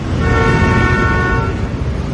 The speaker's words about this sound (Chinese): 乱鸣笛是不文明的行为。